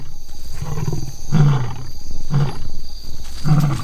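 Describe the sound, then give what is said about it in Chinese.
Two male lions roar and snarl while feeding, warning off a young, inexperienced lioness, in loud, deep, rasping bursts, several harsh growls rising over a continuous guttural rumble, with no voices present. “两头雄狮可以轻而易举地杀死雌狮，不过拍击和咆哮可以起到警示作用。”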